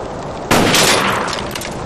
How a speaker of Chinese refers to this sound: 好好好好， 我这一枪得值十个大洋吧。